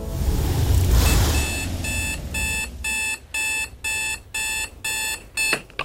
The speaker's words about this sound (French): Le réveil sonne